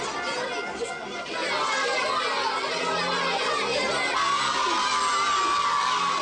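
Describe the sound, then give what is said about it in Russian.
A crowd of children at a film screening clamors loudly, continuously and indignantly, many voices shouting over each other in an agitated, protesting din that stays dense throughout, as they jump from their chairs waving their hands when the picture on the screen is covered. “Дети возмущенно галдят.”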